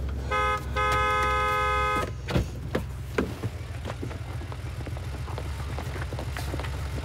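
A loud car horn blares twice, a short toot followed by a longer sustained blast, over a low idling engine rumble, then scattered clicks and traffic noise follow.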